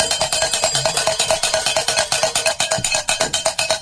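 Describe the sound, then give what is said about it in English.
A bell rings rapidly and continuously, bright metallic strikes repeating in a quick, steady rhythm for several seconds with no voices over it; it is rung on Guadalupe Radio Network to mark a listener's donation. “All right, Virginia J. in Rowena, Texas is bell ringer.”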